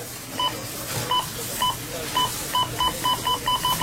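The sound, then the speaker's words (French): A string of about a dozen short electronic cash register beeps at a Rona store checkout, spaced irregularly at first and then coming faster and faster, clear over a faint background hum. “Tu sais que c'est la semaine Rona quand t'entends ça à la caisse.”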